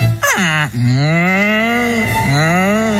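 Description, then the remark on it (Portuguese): An ox moos loudly, a long drawn-out low call followed straight away by a second one, with no voices or other sounds around it. “E como fixeron na Franqueira, daquela santo remedio, fixen así, colleron un carro de bois.”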